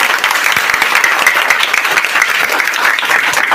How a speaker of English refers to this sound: I say a round of applause for them.